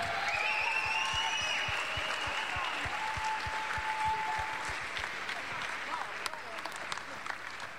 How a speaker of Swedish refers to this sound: applåd för Smash-kören!